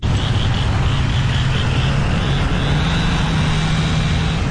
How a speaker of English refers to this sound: Morning after the tornado, the Wash Trailer Park in Bogachitta was filled with the sounds of saws, truck engines, and people calling out across the wreckage.